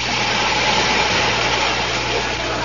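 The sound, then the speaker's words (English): A train engine idles at a platform, the train bound for the top of Snowdon, with a steady, unbroken rumble, a low droning hum beneath a broad hiss that holds level throughout, with no voices. “The train now standing on the platform is for the top of Snowdon, calling it a quarter of the way up, halfway up, and 3/4 of the way up.”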